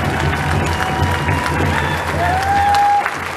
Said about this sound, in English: Let's give a round of applause to all the survivors who made this happen today for all of us.